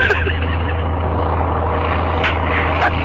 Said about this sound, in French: L'avion prend son élan maintenant.